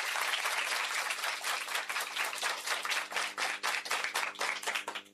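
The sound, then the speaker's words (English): An audience applauds a correct quiz answer in a steady burst of clapping for about five seconds, dense at first and then thinning into more distinct individual claps before it fades. “A round of applause for that.”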